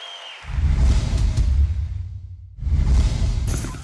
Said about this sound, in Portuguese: Obrigada, muito obrigada. Mais aplausos.